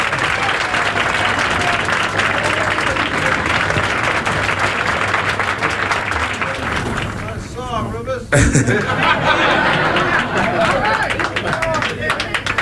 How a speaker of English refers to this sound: Again, give … a big round of applause. Come on, ….